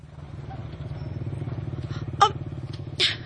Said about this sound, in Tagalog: Sundan na to katong motor nga bago palang nigikan. Sundan na to, dong.